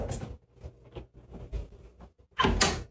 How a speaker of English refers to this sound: Oh, no. The closet door next to the mirror just opened.